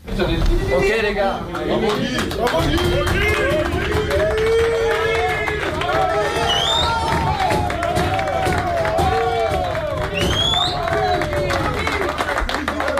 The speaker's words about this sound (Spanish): esta ovación cerrada de los futbolistas en el vestuario cuando se gana a Noruega 4-1